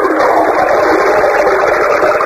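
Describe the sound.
A voice imitates a toilet flush with a loud, steady rushing whoosh of breathy noise that holds unbroken for about two seconds, with no talking over it.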